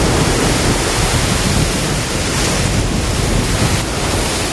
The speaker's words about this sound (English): Waves are pounding the shore in Long Beach, California, in the wake of Tropical Storm Rachel.